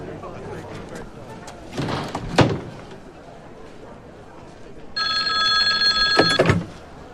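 A telephone bell rings in a steady metallic trill for about a second and a half, preceded by some clattering handling sounds and faint background murmur, as an operator's call to Beijing is connected.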